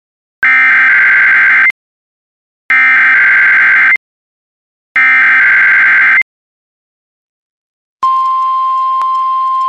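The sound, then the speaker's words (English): A weekly Wednesday test of the National Weather Service NOAA Weather Radio All Hazards warning alarm system, run with the Emergency Alert System: three loud, harsh, buzzy bursts of about a second each, separated by short silences, then a steady high-pitched alarm tone that keeps sounding without any talk. “This is a test of the National Weather Service NOAA Weather Radio All Hazards Warning Alarm System in cooperation with the Emergency Alert System.”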